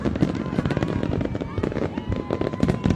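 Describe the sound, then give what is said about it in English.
Rapid Independence Day fireworks pops and crackles burst continuously over a dense outdoor crowd murmur, the bangs dense and irregular, some sharp, layered with rumbling booms. “What do you think of the fireworks?”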